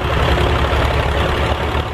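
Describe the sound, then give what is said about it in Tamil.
A parked tractor loaded with bundles of straw idles steadily, its engine a loud, continuous low rumble with a rough, chugging texture that holds constant throughout. “ஆமா, ஒரு டிராக்டர் நிக்குது.”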